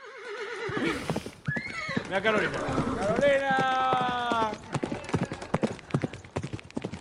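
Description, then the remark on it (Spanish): A horse whinnies loudly in a long, wavering call while hooves clop in a steady rhythm on a hard surface; a person calls out briefly over the sounds. “¡Ah, caballo!”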